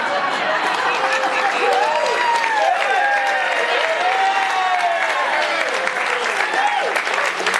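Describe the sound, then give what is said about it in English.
A concert crowd applauds a military band and singers steadily for several seconds, a dense, even wash of clapping mixed with scattered cheers and whistles rising and falling above it. “To start this off, I think we have to give a big round of applause for our military band and singers.”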